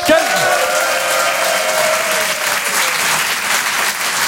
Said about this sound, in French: Tour du père de la mariée, c'est-à-dire moi. Applaudissements, mes chers amis.